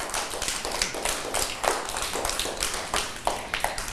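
A group of children clap their hands together in a steady burst of applause, many quick overlapping claps filling the few seconds at moderate volume with no talking.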